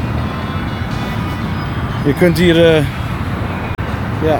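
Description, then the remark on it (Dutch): Steady, dense traffic roar from a very large highway, the Dallas Turnpike, fills the whole recording, a constant low rumble of passing vehicles with a brief voice rising over it midway. “Ja, het grenst ook aan een hele grote weg. Ja. Wordt van hier verkeer...”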